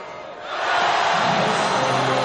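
A basketball arena crowd at the Coliseum swells into a loud, sustained roar as Cremo scores a free throw, putting Básquet Coruña four points up with six seconds left. A broad wash of cheering voices rises after a brief moment and holds steady to the end.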